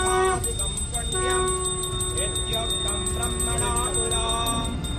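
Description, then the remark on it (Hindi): A conch shell blows a long steady drone in a temple in West Bengal during a cow-worship ritual with aarti performed by Chief Minister Suvendu Adhikari, layered over continuous clanging bells and a busy murmur of voices, loud and unbroken throughout. “इस दौरान मंदिर शंखनाद से गूंजता रहा।”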